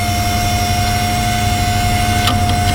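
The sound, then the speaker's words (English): An old computer's cooling fan whirs steadily and loudly as the machine starts up, a broad airy rush layered with a constant high-pitched hum and low rumble, with a brief click near the end as the floppy disk drive checks for a disk. No voices. “So there's the button. So, here's the fan.”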